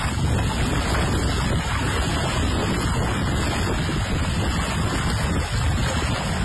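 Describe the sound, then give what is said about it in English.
A steady, loud roar of rushing water pours through the open Gardner Dam spillway at Lake Diefenbaker, constant with no pauses, a dense wash of noise and no voices; the spillway gates opened for the first time in six years. “I have shared a post from the Lake Diefenbaker Tourism Group, along with the Water Security Agency at Lake Diefenbaker, with video of the water flowing. The Gardner Dam spillway opening up yesterday.”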